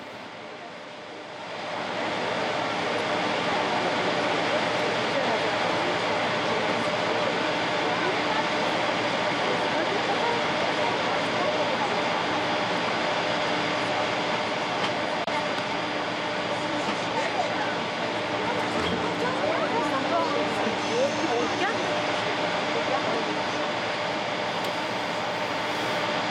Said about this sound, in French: Cet avion de Léon XIV sur le sol pyrénéen.